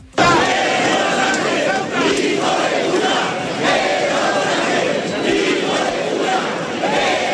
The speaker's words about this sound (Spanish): Lo que se escuchó varias veces en la plaza fue sobre todo gritos pidiendo la dimisión del presidente Sánchez, a veces llegando al insulto.